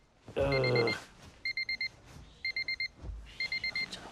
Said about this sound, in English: Renee's alarm wakes her up with a start.